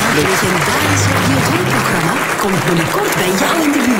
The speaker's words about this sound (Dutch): Een groot applaus voor Sabine Hagedoren.